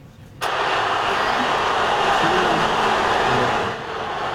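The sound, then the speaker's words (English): Thousands of football fans on the streets outside the Delta Hotel downtown, celebrating Portugal's win as Ronaldo and his teammates salute them from a hotel balcony, suddenly erupt into a loud, sustained roar of cheering that holds steady for a few seconds before easing slightly, a dense wash of many voices. “Listen to that roar.”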